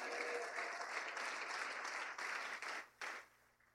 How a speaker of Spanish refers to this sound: ¿Puede dar un fuerte aplauso al Señor?